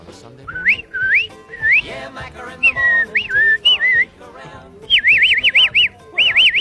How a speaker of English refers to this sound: I've never been able to whistle like everybody else. I've whistled dogs, I've trained horses and dogs and cattle and all those sorts of things. Whistle up the cattle for me.